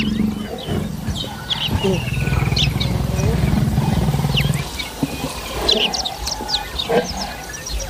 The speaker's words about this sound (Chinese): 虽然狮子们忙于照看幼崽，但姆巴利还是不能掉以轻心。